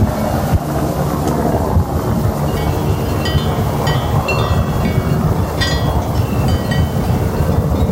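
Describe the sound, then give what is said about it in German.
A Swiss Helicopter helicopter on Alp Farur above Tschirtscha at 10:30 in the morning, transporting 15 water tanks to over 2300 metres for the animals. It roars steadily, its deep, loud rumble pulsing with rapid rotor thumps and a windy rush layered over the top. No voices are heard. “Einzig der erwartete Heli von Swiss Helicopter zerreißt die Ruhe auf dem Berg.”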